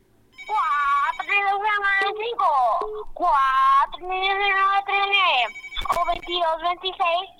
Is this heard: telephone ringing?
yes